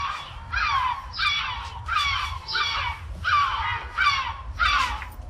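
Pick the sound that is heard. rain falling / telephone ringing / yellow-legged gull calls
yellow-legged gull calls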